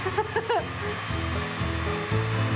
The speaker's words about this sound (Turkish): Şimdi zımpara yapacağız. Üzerinde bıçak izlerimiz kalmasın diye.